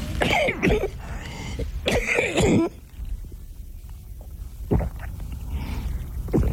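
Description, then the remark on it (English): A person coughs and clears their throat: two loud, harsh bursts close together, then a quieter throat-clearing rasp after a short pause, with no talking. “I better get my cough off.”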